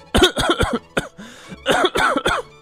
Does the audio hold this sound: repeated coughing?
yes